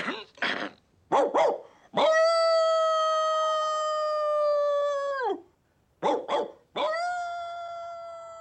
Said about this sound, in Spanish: Sus ladridos llegan a una lejana granja.